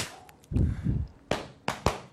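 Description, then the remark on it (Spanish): Fireworks go off: a pair of deep, rumbling booms followed by three sharp, crackling bangs in quick succession, loud, with no voices. “Valórame estos fuegos artificiales y esta sirena, mira.”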